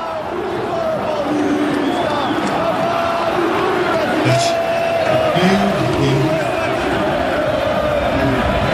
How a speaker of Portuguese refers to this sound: Torcida tá cantando aí, ô Felipe? Bem mais ou menos, viu? O clima de velório nesse restante de partida, nessa segunda etapa aqui no estádio do Morumbi. Torcida do Boca faz mais barulho, obviamente.